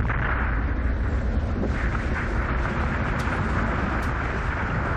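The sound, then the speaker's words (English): A loud, continuous roar of sliding snow from a massive avalanche as a whole mountain bowl lets go, triggered by a rider jumping off a ledge onto the slope below; a dense rushing rumble that stays heavy and unbroken throughout, like a freight train. “All I hear, pop, pop, pop, the whole bowl lets go. And it sounds like a freight train running right over me.”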